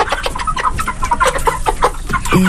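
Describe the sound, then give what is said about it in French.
A flock of broiler chickens raised for meat on a farm in the village of Machoka, 110 birds of two sizes, clucks continuously, many overlapping short calls forming a busy, steady chatter with no one speaking. “Ce sont des poulets de chair.”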